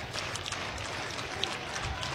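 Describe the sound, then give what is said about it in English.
A baseball stadium crowd cheers steadily, a dense wash of voices and clapping that stays fairly even throughout, sounding spread out, with no single voice standing out. “Crowd getting into it again.”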